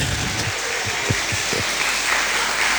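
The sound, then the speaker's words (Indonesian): Steady audience applause, a dense wash of many hands clapping at an even level for a few seconds, with a handful of louder individual claps standing out early on. “Tepuk tangan lagi.”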